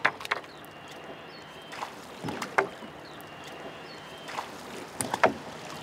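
A Zille, a flat-bottomed wooden boat, being rowed: oar strokes splash and swish in a loose, steady rhythm about every second or two, with sharp wooden knocks and clicks over a soft watery background.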